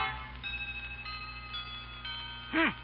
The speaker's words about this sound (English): A chiming clock is heard as Grandma consults the old-fashioned watch dangling from a chain around her neck.